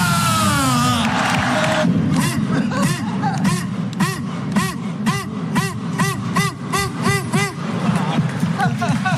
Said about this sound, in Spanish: Mira la gente, mira la gente. Coruñeses, deportivistas, gritad conmigo, ¡estamos de vuelta!